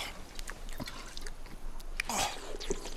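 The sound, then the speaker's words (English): Water pours from a canteen in short, uneven gurgles and splashes, fairly quiet, with a brighter spill near the end and no voices. “Do you have water? Yes. My canteen ran out yesterday. Oh, here, my canteen.”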